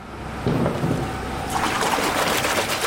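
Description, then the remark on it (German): Water sloshes and splashes steadily, growing brighter and more agitated partway through, as round, silvery crystals of about 18 kilograms each are dipped into water baths. No voices. “Hier werden runde, silbrig glänzende Klötze in Wasserbäder getaucht.”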